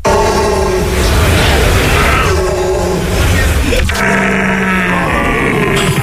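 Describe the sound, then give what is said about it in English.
A person imitates a stag's call as a contender for Stag of the Year in Germany, with loud, continuous bellowing groans, grunts and wails, rough and low-pitched with a wavering tone that shifts partway through. “It's an eclectic mix of groans, grunts and wails, each one designed to be as close to the sound of the animal as possible.”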